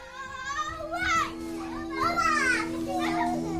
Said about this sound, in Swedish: De finaste ljuden jag vet är när mina barn lever om. När de fulla av energi springer runt mina ben när jag står i köket. Till och med när de käbblar och stampar argt i backen kan jag inte låta bli att småle.